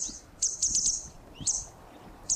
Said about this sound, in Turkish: Şimdi kuşun aslı bu, yani Akkuyruk Sallayan'ın sesini çalıyorum.